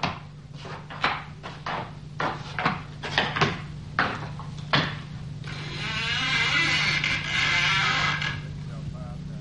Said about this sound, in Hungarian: Nyisd ki az ajtót, hogy bemehessünk.